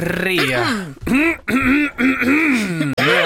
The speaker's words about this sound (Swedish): Harklar vi oss, för nu är det dags att byta ton lite grann, för det är dags för P3 Nyheter.